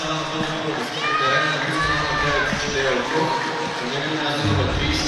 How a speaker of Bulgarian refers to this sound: Хвърли много усилия Чидера Окох, получава аплодисменти и поздравления от Станислав Генчев, но все пак остават още 30 минути до края на редовното време.